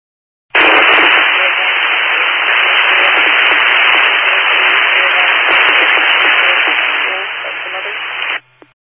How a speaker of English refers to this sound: I still can't copy you, it's all static.